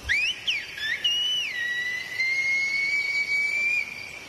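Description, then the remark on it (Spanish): A loud, clear whistled message in Silbo Gomero, the whistled language of La Gomera: quick rising and falling glides, then one long sustained note held for a few seconds, alone over faint background hiss. “En medio del silencio aparecía un silbido.”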